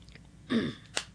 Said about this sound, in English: I'm going to take a quick sip of water here right now, if you don't mind.